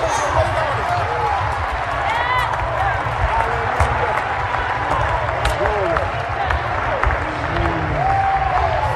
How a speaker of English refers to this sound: That's why I get happy. That's why I clap my hands. That's why I leap for joy. That's why I shout my praise.